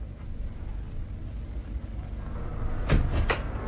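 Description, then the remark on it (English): A car idles with a steady low rumble outside, then two sharp clunks land close together near the end, like doors shutting after it pulls up. No one speaks. “Did I hear a car pull up?”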